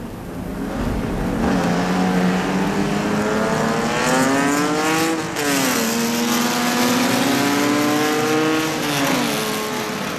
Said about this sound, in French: Voilà la dernière voiture qui amorce le dernier tour.